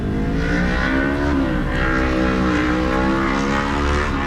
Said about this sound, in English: And the cars just keep rolling in.